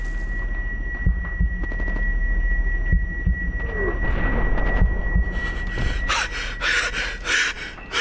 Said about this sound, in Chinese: 那一刻，世界仿佛剧烈的震荡了一下，声音都被火光吞没，空气中仅余低沉嗡鸣与心跳。